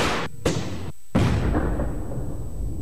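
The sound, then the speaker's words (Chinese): A 40 mm water cannon disruptor, its gunpowder charge driving a jet of water at high speed into an explosive device, fires with a sharp, loud blast, followed moments later by a second heavy bang that trails off into a sustained rushing, rumbling wash of noise. “通过激发水炮枪里的火药，将水柱以惊人的速度射向爆炸物。”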